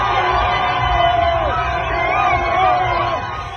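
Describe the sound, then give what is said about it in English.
A large arena crowd of fans at a New York Knicks basketball game at Madison Square Garden in New York cheers and roars continuously, with scattered shouts and whoops rising above a dense wall of voices, loud and sustained throughout. “Some very generic sounding cheers right there”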